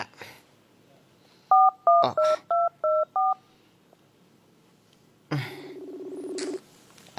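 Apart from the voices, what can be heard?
cellphone dialing tones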